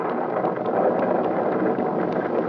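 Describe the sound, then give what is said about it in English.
A steady, loud roar of stormy weather with lightning, with wind and rumbling thunder blending into one dense, continuous wash of noise, with no voices. “Look at the lightning, Andy. It'll kill our mare, this keeps up.”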